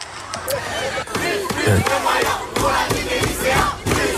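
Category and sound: crowd, protesters chanting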